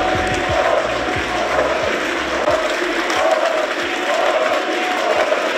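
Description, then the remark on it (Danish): A large crowd of Alternative für Deutschland members in Saxony-Anhalt roars with sustained, dense applause and rhythmic chanting of "Uli, Uli, Uli" as Ulrich Siegmund comes on stage late in the evening, steady and loud throughout, with a continuous wash of cheering voices. “Han blev klappet på scenen af Alternative für Deutschlands medlemmer.”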